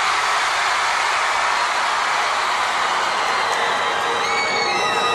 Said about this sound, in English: Can I try something real quick? Because I'm not used to playing for crowds this big. I'm gonna point to a part of the crowd and we're gonna see who can scream the loudest. All right? One, two, three, this side!